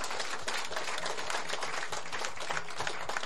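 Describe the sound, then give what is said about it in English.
A crowd applauds Western Cape ministers Simmers, Mayor and Lont, many hands clapping in a dense, continuous patter that holds at an even level throughout, with no voices over it. “They make life so easy for us in the Department of Public Works, and I really want you to give them a round of applause.”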